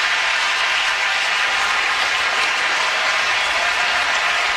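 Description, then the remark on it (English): A large baseball stadium crowd applauds Christopher Sanchez in a 1-1 game as his scoreless inning streak ends, a dense, sustained wash of clapping and cheering in a big open space that stays loud and even throughout with no voices standing out. “And listen to the crowd applaud Christopher Sanchez here in a 1-1 game.”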